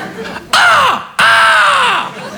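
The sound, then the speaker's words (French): A voice imitates a squeaking bicycle brake, as when braking at a red light, with two loud, harsh screeches, each sliding downward in pitch, the second one longer, with no other talking. “Il y a un corbeau mort dans le frein?”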